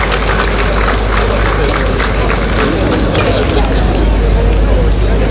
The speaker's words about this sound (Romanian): Excelență, doamna Ivona Piorcu, vă rugăm, microfonul vă aparține și aceste aplauze sunt pentru dumneavoastră.